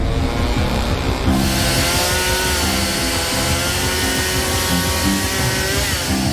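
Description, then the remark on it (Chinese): A chainsaw runs in the distance as workers cut down tall invasive willow trees by a gravel-filled creek, its engine a steady, loud buzzing drone with a harmonic whine that holds throughout with only slight pitch shifts. No one speaks. “就在我以为情况不会更糟时，远处传来了电锯的声音。”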